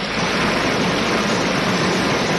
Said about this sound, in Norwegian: Det var en liten sildrende bekk.